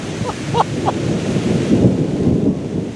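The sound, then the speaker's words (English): A steady, low rumble of thunder rolls beneath the hiss of falling rain as a storm starts just after parking, continuous and fairly loud, with a few brief high chirps early on. “So we just parked, and it is starting to thunder and rain.”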